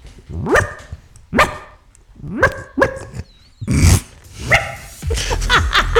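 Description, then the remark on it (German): A person mimics a small dog's high, yappy barks, giving about half a dozen sharp yips in an uneven rhythm, with a breathy, noisy bark near the end. “Oh Gott, dass das mal vorkommt, dass ich im Radio einen Hund nachmache.”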